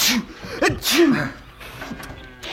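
A person sneezes once from hay fever: a rising, voiced intake of breath followed by a sharp, breathy burst, then quieter vocal sounds as it fades.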